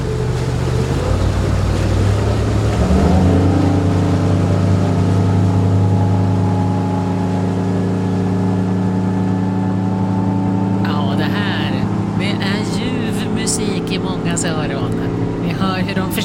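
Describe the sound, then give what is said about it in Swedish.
A motorboat engine drones loudly and steadily, its pitch rising as it revs up and accelerates, with brief bursts of voices appearing faintly toward the end. The boat is heading toward Kulleharen early in the morning, having started from Flyskärsvarvets small-boat harbour. “Då får du väl gassa på lite så får motorn jobba.”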